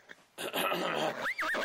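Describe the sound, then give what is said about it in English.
A voice imitates a horse's whinny: a loud, close, nasal burst that ends in a high, wavering squeal rising and falling in pitch. “So the leader of the bandits looked around, and then he told his horse to run away.”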